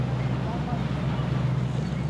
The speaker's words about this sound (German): Ja, das Schiff wird jetzt zu laut. Also jetzt hört man nichts anderes außer Schiff.